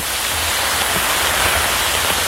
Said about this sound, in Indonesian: Hujan lagi. Duh, tapi kok rasanya beda ya? Kamu tau gak sih? Itu tuh namanya hujan asam.